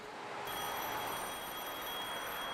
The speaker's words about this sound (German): Bei Jung und Alt klingelt unablässig das Telefon, weil Mama im Homeoffice verzweifelt, Papa auf Geschäftsreise, das Kind erkältet ist.